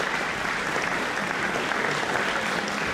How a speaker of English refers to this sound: Well, the applause continues. We'll have an encore, maybe.